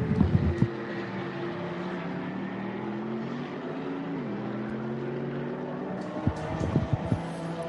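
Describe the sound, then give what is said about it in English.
The engine of the Viper Nisa Mercedes race car, with Melvin Moe on board, drones steadily as it pulls out of the pit lane after a full service. The pitch dips briefly midway, and there are sharp bursts of sound at the start and near the end. “And that exactly on cue that Viper Nisa Mercedes leaves the pit lane.”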